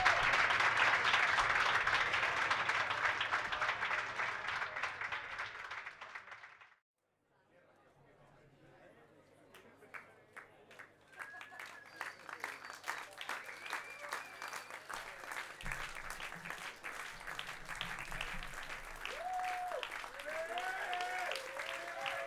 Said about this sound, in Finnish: No niin, annetaanpa vielä kerran oikein raikuvat aplodit tälle meidän edelliselle oikein mahtavalle esiintyjälle.